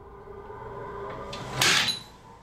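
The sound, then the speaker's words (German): A single muffled bang from a suspected explosive substance being detonated sounds from behind a closed door, dull, preceded by a faint knock and followed by quiet room tone. No one speaks. “Also bereits vor der Tür hat man ja gehört, dass es knallt.”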